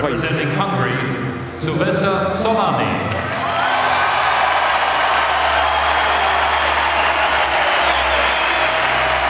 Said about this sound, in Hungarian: Csollány Szilveszternek szólt a taps, az olimpiai bajnoknak, akinek ebben a pillanatban akasztják a nyakába az aranyérmet.